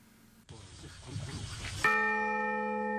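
A large bell is struck once at its installation ceremony, rung by two people together, loud, its rich tone ringing on and slowly fading. A stretch of rustling, murmuring background noise comes just before the strike.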